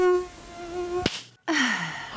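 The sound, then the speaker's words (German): A mosquito's thin, steady whine drones on, broken by a sharp click and a moment of silence, then the buzzing returns and slides gradually lower in pitch. No one speaks. “Das ist so wie Zahnarzt, Bohren und die Gälse.”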